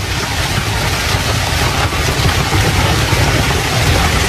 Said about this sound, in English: The hail you're hearing is big, all right? That hail is real big hail. And it might be the size of, oh, I don't know, like a bouncy ball, maybe a little bit bigger.